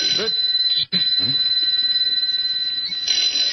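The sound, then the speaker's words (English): A desk telephone, the only phone in the room, rings with a continuous, high-pitched bell that pauses briefly near the start and then carries on steadily, while a man's voice talks underneath it. “Am I hearing things? It's the phone,”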